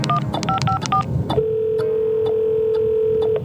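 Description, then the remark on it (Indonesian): A rapid run of about half a dozen short telephone keypad tones, followed by a long, steady electronic line tone lasting about two seconds; clear, with no talking. Someone is dialing the Madiun Siaga 112 emergency service in the city of Madiun. “Wah, kalau gitu kita harus buruan telepon ini sebelum ada kecelakaan gara-gara pohon tumbang.”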